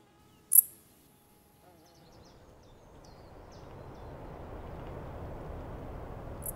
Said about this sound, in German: Das Insekt mit dem kürzesten Gesang überhaupt. Die gemeine Strauchschrecke ist oft als letzte Heuschrecke im Jahr zu hören, wenn die Kälte die anderen längst dahingerafft hat.